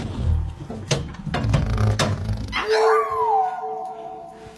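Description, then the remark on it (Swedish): A dog named Tofu, thrown down a garbage chute, barks several times in quick, sharp bursts, then breaks into a sustained, wavering howl that holds for a couple of seconds, loud, with no talking. “Den hunden kan inte bete sig för 5 öre, det vet du ju.”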